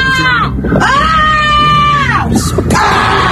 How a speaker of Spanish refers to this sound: Pues yo lo que estoy descontenta es en la Plaza Vieja, que no nos dejan vivir por la tarde a los mayores, con los balones, dando balonazos. A mí hasta me han pegado en la cabeza. Y los niños con el tacatá, unos chillidos, unos gritos.